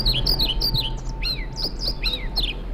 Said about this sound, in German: Das ist, wenn Sie es genau wissen wollen, ein Trauerschnäpper. Ich finde, der zwitschert schön, aber der Name Trauerschnäpper, also das steht für mich jetzt nicht nach, klingt nicht nach Aufbruch und Reform.